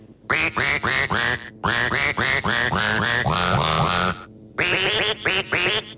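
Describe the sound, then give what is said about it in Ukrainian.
A run of loud, nasal duck quacks in quick rhythmic bursts, their pitch rising and falling to trace the tune of a song, with a short pause before a final phrase. “що ж за композицію накрякала качечка?”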